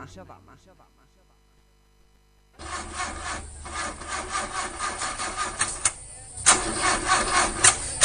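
An old car engine cranks over and over without catching, a loud, gritty, rhythmic grinding that starts abruptly after a short quiet moment and keeps churning for several seconds.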